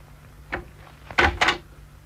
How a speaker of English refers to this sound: Police here. Open up. Police? What do you want? Open your door at once. All right, just a minute. I'll slip my foot in as he opens it again.